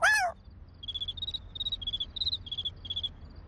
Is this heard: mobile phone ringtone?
no